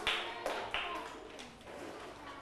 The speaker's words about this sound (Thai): สัปดาห์ที่0ลูกเริ่มต้นคือสัปดาห์ที่0นะทั้งหมดปรบมือ5ครั้ง